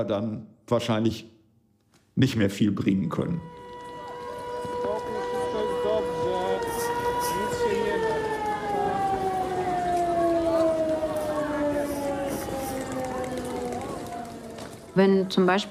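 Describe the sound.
A civil defense air raid siren wails steadily for about ten seconds, its pitch slowly sliding downward, loud and sustained. Brief speech is heard just before it starts and as it ends.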